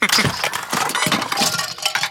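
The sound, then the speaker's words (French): A duck knocks over books, building toys and little toy cars, which tumble and crash down in a loud, continuous clatter of overlapping knocks and bright clinks, with no voices, lasting about two seconds. “Le canard fait tout tomber sur son passage.”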